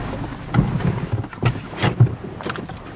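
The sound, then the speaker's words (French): A car's engine rumbles low as it creeps slowly into a parking spot, with a few soft knocks and gusts of wind buffeting the microphone along the way. “Ce que je vais faire, c'est que je vais me garer là, comme ça, je prends pas de risque, je me gare entre les deux frères.”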